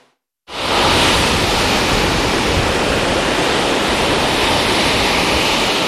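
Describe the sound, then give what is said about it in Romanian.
After a moment of silence, a loud, steady roar of large, rough sea waves and strong wind rushes in and continues unbroken and full, with no voices, at a sea beach where the red flag is raised. “Turiștii și-au pus viața în pericol, au intrat în apă, deși erau valuri mari, vânt puternic și clar arborați de agul roșu.”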